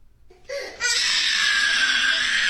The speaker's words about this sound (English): I apologize for the trauma, though, that screaming is probably causing lots of young parents.